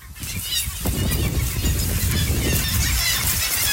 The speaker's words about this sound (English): When you first get there, you really hear it. Birds everywhere. And it's just deafening sound of hundreds and thousands of birds